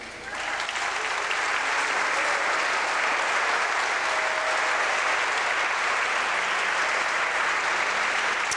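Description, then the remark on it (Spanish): At a presentation in Zacatecas, a crowd applauds the musicians, clapping steadily and loudly for several seconds in a dense, continuous wash that holds at an even level throughout, with no voices standing out. “a estos grandes músicos, para cual pido un gran aplauso.”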